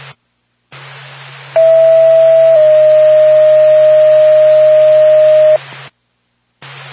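A sustained dispatch alert tone for Lancaster Ambulance holds steady for about four seconds, shifting pitch slightly partway through, over a hissy, band-limited radio channel with a low hum and brief dead-air gaps at each end.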